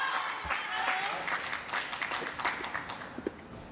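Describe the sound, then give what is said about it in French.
Steady applause, a dense patter of many hands clapping at once, moderately loud and continuous, with a few sharper individual claps toward the end, at a match after a superb shot by Manav Thakkar against the world number one, a shot his coach applauds. “Ce coup, applaudi par son coach.”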